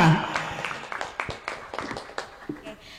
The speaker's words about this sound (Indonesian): Oke, luar biasa. Sekali lagi dong tepuk tangannya.